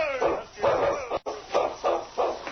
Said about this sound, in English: The big dog barked, then started to the right through the deep snow.